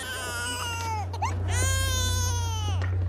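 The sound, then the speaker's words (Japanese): A baby wails in long, strained cries, two drawn-out bursts separated by a brief catch of breath, loud over a steady low hum. “泣き声を何とかしろ。”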